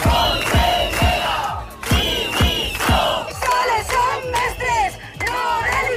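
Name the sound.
protesting teachers shouting outside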